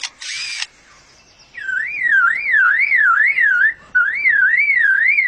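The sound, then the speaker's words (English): A lyrebird mimics a motor-drive camera: a short, loud mechanical whirring burst, then a fading tone, before a long rising-and-falling siren-like warble takes over. “And now a camera with a motor drive.”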